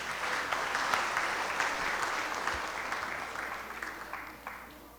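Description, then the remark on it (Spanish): An audience claps steadily, a dense wash of many hands, holding strong for several seconds before gradually thinning and fading. “Por allá, vamos a dar un aplauso para señor.”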